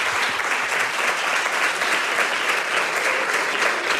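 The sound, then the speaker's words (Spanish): Loud, sustained applause from a large audience at the prize event of the Radio Nacional de España and Fundación Platino short film contest, a dense wash of many hands clapping steadily for the full four seconds with no voices standing out. “Pues vamos a darle un fuerte aplauso para lo que vamos a ver después.”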